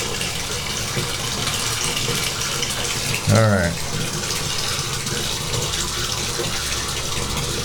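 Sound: hot water running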